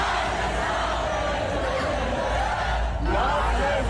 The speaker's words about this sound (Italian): Il più celebrato, l'eroe di casa, Max Verstappen, ce ne torneremo col mal di testa a forza di sentirli tutti quanti cantare quel motivetto che sentite in sottofondo